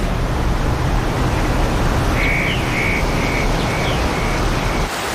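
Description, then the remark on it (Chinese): A steady, loud rush of a swollen mountain stream in spring fills the whole clip, with a short run of about five high, repeated chirping calls over it partway through. “山泉涌动，溪水暴涨，在潺潺的流水声中，森林深处传来一阵节奏感十足的奇怪声响。”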